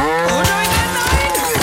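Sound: cow mooing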